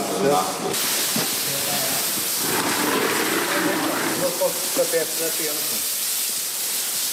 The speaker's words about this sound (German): Auftritt ein Arbeitstrupp, bestehend aus 4 Männern mit Kübeln, Kanistern, Bürsten und Schläuchen. Sie schäumen den Zug jetzt ein, schrubben, spülen ihn wieder ab und das mehrfach.